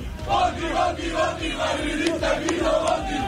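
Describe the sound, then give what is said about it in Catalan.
Dozens of football fans outside a Barcelona nightclub, around 6 a.m., chant and cheer together as the president-elect arrives at the door, their massed voices in loud, rhythmic bursts swelling and falling over a constant roar of celebration. “Aquesta era l'entrada de la porta del president electe a la discoteca barcelonina entre desenes d'aficionats.”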